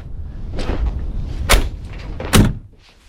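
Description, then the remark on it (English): A Ferrari's car door shuts with a solid thud, then a second sharp closing thump follows about a second later, both loud against a low rumbling background. “No fingerprints on the door.”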